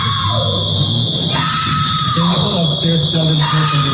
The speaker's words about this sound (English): TMZ also obtained audio from another passenger, which features … screaming as she is taken away.